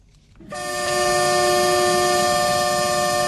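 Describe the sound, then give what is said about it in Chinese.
A Zhejiang China-Europe Railway Express freight train, loaded with daily goods, car parts and machinery, at Yiwu West Railway Station; its horn blares in a loud, steady sustained blast, kicking in after a brief moment of low rumble and holding at full strength to the end. No one speaks. “在义乌铁路西站，一列满载日用百货、汽车配件、机械设备等货物的浙江中欧班列”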